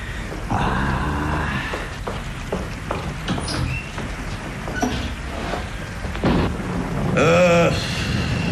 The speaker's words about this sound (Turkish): Çok yağmur yağıyor Zihni Bey.